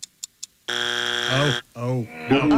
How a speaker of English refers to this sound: That's our buzzer.